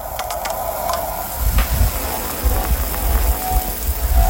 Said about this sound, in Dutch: Even een lekkere douche op de zondagmorgen.